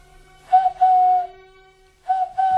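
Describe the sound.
A man imitating a bird whistles a prearranged signal call: two steady, high, sustained tones, a short pause, then two more, clear and fairly loud with no talking.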